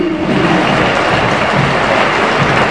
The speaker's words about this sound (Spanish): Se matan por aplaudir al pibe Beltrán, ¿no? Sí, sí, ahora Montiel.